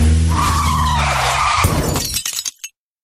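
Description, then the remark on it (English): A car skids with a loud, sustained tire screech lasting over a second, then a sudden crash as it hits a pedestrian, followed by a short burst of shattering, clattering debris before it stops abruptly. “So she hit a pedestrian.”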